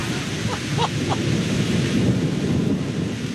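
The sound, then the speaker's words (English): Low, rumbling noise fills the scene steadily: thunder mixed with wind and rain starting outdoors just after parking a car, with a few brief faint chirps early on and no talking. “So we just parked, and it is starting to thunder and rain.”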